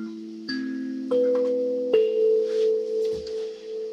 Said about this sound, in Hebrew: הסנסולה זה כלי שבעצם מיוצר בגרמניה, אבל הוא שייך למשפחת הקלימבות. יש לו את הסרגלי מתכת האלו.